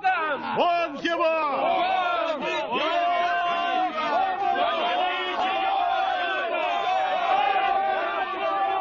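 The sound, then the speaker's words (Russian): An angry crowd of congregants turned against Jesus shouts and roars continuously, many overlapping voices yelling loudly with rising and falling cries throughout, dense and agitated with no quiet moments. “Прихожане превратились в озверелую толпу.”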